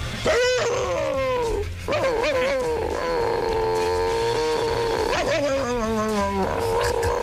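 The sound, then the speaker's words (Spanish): Loud high-pitched yelping from the neighbour's small female chihuahua, Plotsky, with sharp yaps at the start and end around a long, wavering whine-like cry in the middle. “Gracias, el mismo ladrido que hacía él, que era una cosa como esta.”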